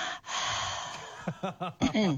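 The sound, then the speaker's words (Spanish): A woman imitates her panting dog: a long breathy exhale followed by quick, rhythmic voiced huffs, fairly loud, with no other talk. “Me encantó escucharte jadear.”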